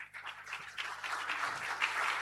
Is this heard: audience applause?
yes